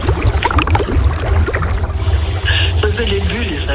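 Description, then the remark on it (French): Gurgling underwater air bubbles escaping from a breathing scuba diver near corals, with the diving tank audible, bursting and rumbling in irregular surges, with a steady low-frequency roar and watery hiss throughout. “Les bulles, ça, qui s'échappent, justement. J'entends les bulles, mais il y a la bouteille aussi.”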